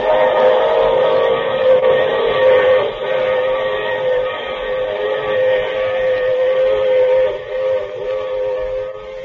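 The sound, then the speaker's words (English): A train whistle blows in one long, loud, sustained blast that lasts throughout, layered over a steady rumble of the moving train. No one speaks. “I take this same train every week at this same time.”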